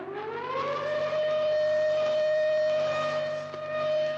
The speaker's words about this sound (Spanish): El dueño del reloj se había olvidado de darle cuerda antes de acostarse. Instantáneamente hicieron sonar los aparatos de alarma.